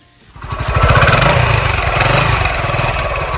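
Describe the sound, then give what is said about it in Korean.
A small motorcycle engine starts up and runs steadily, a loud, buzzing putter with a rapid pulsing rhythm and a slight rev partway through, as a friend gives a ride home on the motorcycle. “2주 후 집에 돌아갈 때가 되자 친구가 저를 오토바이로 데려다 주었죠.”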